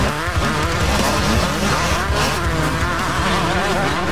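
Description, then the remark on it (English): Several speedway motorcycle engines roar and whine together at full throttle, pitches rising and falling as they race on the Fast Fridays Motorcycle Speedway track, loud and continuous with no one talking. “And the racing explodes onto the track at 8 p.m.”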